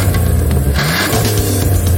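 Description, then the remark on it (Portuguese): A car engine revs loudly, its deep rumble rising and surging over about two seconds with no voices present. “Não para de pensar naquele carro que viu na concessionária?”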